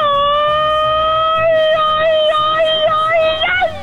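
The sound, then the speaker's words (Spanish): A traditional Mexican grito given from the city centre of Toluca: one loud, high-pitched voice holds a long wavering cry for several seconds, then swoops upward and cuts off abruptly, over a low background rumble. “Amigo mío, no te puedes ir sin un buen grito mexicano, amigo.”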